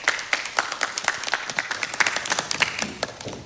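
An audience applauds to welcome a professor giving a presentation on inclusive AI, with dense, steady clapping, many sharp overlapping claps forming a continuous patter at moderate volume, with no voices over it.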